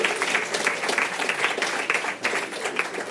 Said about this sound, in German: Und jetzt könnt ihr abstimmen, dick oder verrückt. Dick ist der Nachtisch, verrückt ist das Katzenfutter. Wer denkt, es ist am Nachtisch gescheitert, klatschen bitte.